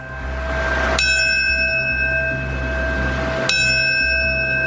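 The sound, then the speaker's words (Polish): A memorial bell at a New York World Trade Center remembrance tolls twice, slow and evenly spaced, part of seven tolls before a minute of silence, each ringing stroke leaving a long shimmering hum that overlaps the next, above a low steady outdoor rumble. “Minutę ciszy poprzedziło siedmiokrotne bicie dzwonu.”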